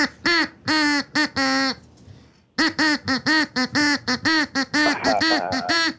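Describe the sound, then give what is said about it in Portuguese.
A duck quacks a rhythmic string of loud, nasal notes of varying length, as if following a song tune, pausing briefly midway before continuing. No one speaks. “Tá, então atenção, pato. Preparado, pato? Tá, então canta, pato.”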